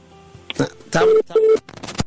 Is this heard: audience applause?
no